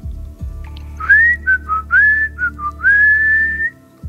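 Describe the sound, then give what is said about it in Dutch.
A person whistles a short, bright melody of rising and held notes, clear, over a steady low background hum, with no talking, whistling in the weather report. “Ik hoorde jou daarnet fluiten ook aan de telefoon. Zet zo eens fluitend het weerbericht in.”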